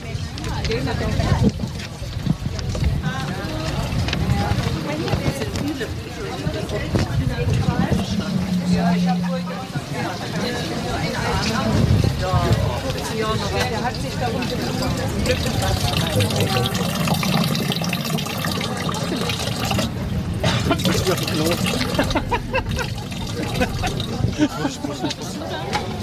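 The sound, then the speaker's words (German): Water gushes and splashes steadily from a hand-operated pump, a continuous pouring rush, fairly loud, with faint voices murmuring in the background. “Und so eine Pumpe sehen wir hier auf der rechten Seite und die schauen wir uns jetzt mal genau an.”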